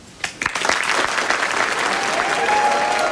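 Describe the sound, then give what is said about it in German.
An audience breaks into steady applause after a student recites a poem about hope, a dense crackle of many hands clapping that starts with a few sharp claps and swells into a loud, sustained wash of sound. “Man hört den Applaus, das ist ja auch sehr, sehr schön.”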